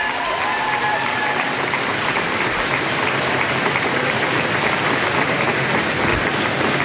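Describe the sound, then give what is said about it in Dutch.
A crowd of staff in Downing Street applauding as British prime minister Keir Starmer comes out to make a statement, dense and steady clapping that stays loud and even from start to finish, with no voices rising above it. “In Downing Street, hij wacht even op applaus, staat vol medewerkers daar.”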